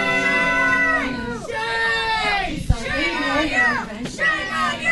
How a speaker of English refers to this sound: Commissioners ended up approving the contract extension with ICE by a 2-1 vote. The crowd in the room quickly reacted.